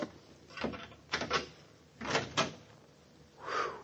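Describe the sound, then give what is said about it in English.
A door creaks open in a series of drawn-out, scraping groans, four uneven pulses over a few seconds, the last one softer and more hollow. No voices are heard. “This is the door, I think.”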